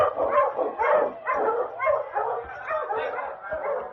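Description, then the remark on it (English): A pack of sled dogs barks and yips excitedly at the start of a sled dog race, rapid overlapping bursts about twice a second, fairly loud, with no one talking. “When Sergeant Preston reached the starting line, the other dog teams were well underway.”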